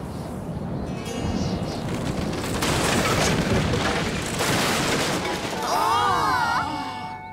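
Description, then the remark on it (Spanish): A tree fort collapses in a long, loud stretch of crashing, cracking wood and rumbling debris, followed by a brief burst of high, wavering voices crying out. “Sí, si no fuera por Franklin y por Oso, habríamos estado adentro cuando se vino abajo.”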